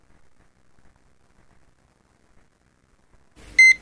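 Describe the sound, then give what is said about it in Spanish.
An alarm clock goes off at 6 in the morning after several seconds of near silence: one sharp, loud electronic beep that starts abruptly right at the end, alone with no voices. “Suena el despertador y te preparas para iniciar tu día.”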